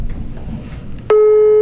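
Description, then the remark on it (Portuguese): A low, murky background hum gives way to a loud telephone busy signal that cuts in abruptly about two-thirds of the way through, a steady mid-pitched electronic tone holding until the end, as a dialed call goes unanswered. “Atende. Não deu? Não deu! Que pena, não deu!”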